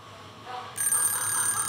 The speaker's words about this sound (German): Mein Wecker hat um 5 Uhr geklingelt. Nicht meine Zeit.